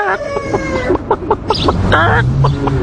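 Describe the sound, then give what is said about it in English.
A person imitates a chicken with a run of short, choppy clucks, harmonic bursts rising into a longer squawk, loud and close against a low rumbling background. “See, now you do the chicken.”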